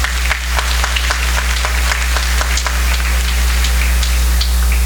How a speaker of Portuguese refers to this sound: Uma salva de palmas para as nossas crianças.